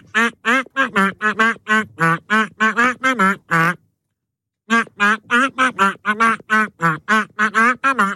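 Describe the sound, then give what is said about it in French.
A pop tune rendered entirely in duck quacks: quick, rhythmic quacking bursts at shifting pitches trace a melody, loud, with a brief silent break midway before the quacking tune resumes. “cette pêche au canard, elle est un petit peu particulière puisque nous pêchons des canards dans notre bac à canards qui interprètent des tubes en version canard.”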